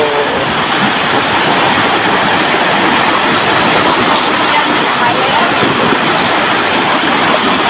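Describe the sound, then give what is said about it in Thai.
Loud rushing floodwater, flowing so swiftly that it topples a whole durian tree and carries it away, roars without a break, a dense, churning wash of noise that holds steady and powerful from start to finish. “มีคลิปอีกคลิปหนึ่งค่ะน้ำมันไหลเชี่ยวมากจนพัดต้นทุเรียนทั้งต้นให้ล้มแล้วก็ไหลไปด้วย ไปแล้ว”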